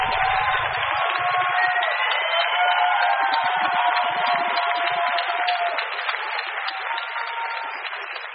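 A crowd applauds and cheers steadily for about eight seconds, a dense, loud wash of clapping mixed with shouting voices, holding constant before easing slightly at the end.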